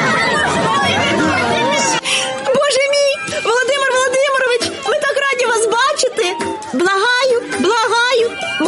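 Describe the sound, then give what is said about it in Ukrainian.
A crowd shouts and chatters loudly and continuously at a sudden public meeting with Vladimir Putin, with a dense babble of many voices at first, then individual raised voices calling out over the hubbub. “Бо поки диктатор мовчить, покірний натовп кричить за нього те, що йому і потрібно видати.”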